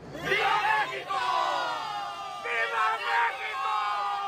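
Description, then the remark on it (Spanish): A huge crowd of thousands in Mexico City's Zócalo roars the traditional Mexican independence cry, marking 216 years of independence, a sustained collective shout rising in two loud surges of many voices cheering and yelling together, with no individual speech standing out. “Ataviados con adornos y prendas verde, blanco y rojo, los colores de la bandera nacional, miles de personas abarrotaron el Zócalo capitalino para festejar la soberanía nacional.”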